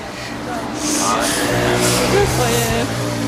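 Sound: street traffic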